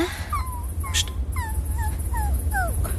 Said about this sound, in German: Hörst du das? Was? Ein Winseln. Ja. Ja, jetzt höre ich es auch. Hier, auf dem Weg. Ein Hund.